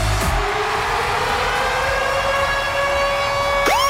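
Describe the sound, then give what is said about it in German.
A loud, steady siren-like radio ticket-alarm jingle, sounded between 6 and 9 in the morning for a ticket giveaway, with bright harmonic tones that slowly glide upward in pitch, ending with a quick rising sweep; no one speaks over it. “Geht zwischen 6 und 9 Uhr morgen der Ticket-Alarm los und das tönt so.”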